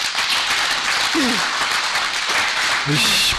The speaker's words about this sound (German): Ich bitte wirklich um Ruhe. Ich kann das verstehen, aber es bringt nichts, wenn Sie hier uns Beifall klatschen, weil es müssen ja die Fragen beantwortet werden und ich halte viele für berechtigt.